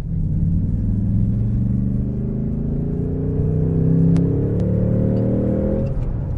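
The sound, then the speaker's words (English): A V8 car engine's exhaust roars steadily as it accelerates from 30 to 60 in third gear, the deep harmonic rumble climbing in pitch over several seconds before easing off near the end. “So that was third gear, accelerating from 30 to 60 in third gear. And that will give you an idea of the torque of this V8 engine.”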